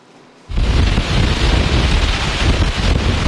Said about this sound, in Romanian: Vremea extremă lovește litoralul românesc. Este cod galben de vânt, iar efectele s-au simțit rapid în transportul maritim. Aici, în Constanța, vântul suflă cu putere, cu 70 de kilometri pe oră la rafală.